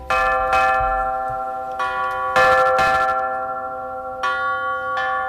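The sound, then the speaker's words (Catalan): Several bells ring out in a loose sequence of strong strikes, each blooming with rich overtones and long sustained ringing that overlaps the next, steady with no voices. “Ni una, ni dues, ni tres, ni 20, ni 40, sinó 84 campanes per façana va preveure Gaudí per la Sagrada Família.”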